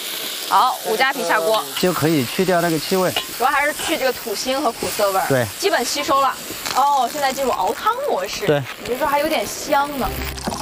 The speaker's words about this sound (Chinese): 接下来的话，我们先腌这个锅，把它炒一下。 起锅烧油。 现在就来点生姜。 姜片，比较粗犷了哈，我的动作。